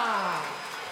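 Loud, steady applause from a crowd, a dense wash of clapping with a cheering voice sliding downward in pitch over the top, sustained for the whole second.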